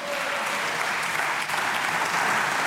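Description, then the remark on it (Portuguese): Sustained, dense standing applause from Chega party deputies in Parliament after a short speech: steady, loud clapping with no pauses and no voices standing out, holding an even level throughout. “Intervenção curta, mas merecer aplauso de pé por parte dos deputados do Chega”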